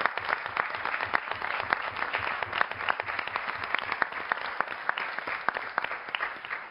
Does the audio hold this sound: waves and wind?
no